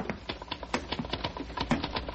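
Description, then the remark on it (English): Rapid typewriter typing by a man working upstairs at his typewriter: a steady run of sharp, crisp key strikes clattering in an uneven rhythm, about four or five per second, fairly soft, with no voices. “I mean, I hear him, his typewriter.”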